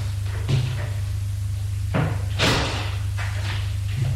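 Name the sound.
door being opened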